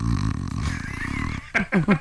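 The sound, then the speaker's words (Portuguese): A voice imitates snoring: a long, rough, buzzy drone for about a second and a half, followed by three short snorting bursts that each drop in pitch. “Aí você vai com ele, daqui 5 anos, já começa um barulho, o Batista deve roncar, tem cara aqui, um barulho mais ou menos assim, ó.”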